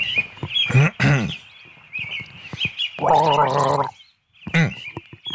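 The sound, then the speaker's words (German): Someone gargles a short tune, the bubbling throat sound rising and falling in pitch through a few quick phrases, fairly loud, with a sustained gargled note near the end. “Du bist ein bisschen, bist schon sehr knausrig geworden beim Gurgeln.”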